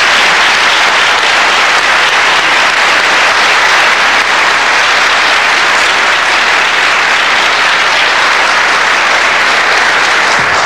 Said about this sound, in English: And this is most important, and I want us all to applaud and to receive our minister as he was received in Mecca.